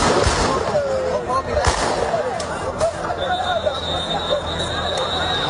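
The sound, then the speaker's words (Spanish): Several sharp gunshots, warning shots fired into the air by Spain's National Police to stop a rush by a group of migrants at the Loma Colmenar settlement in Ceuta, crack out at irregular intervals over a noisy crowd, with shouting and babble of many voices throughout and a thin high whistle-like tone later on. “la situación tan desbordada en la que está Ceuta después de que la Policía Nacional haya intervenido con disparos al aire para evitar una avalancha de un grupo de ilegales en el asentamiento de Loma Colmenar.”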